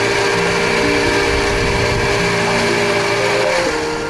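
A blender whirs loudly and steadily as it grinds corn, its motor whine holding a constant pitch before shifting slightly near the end. No voices are heard.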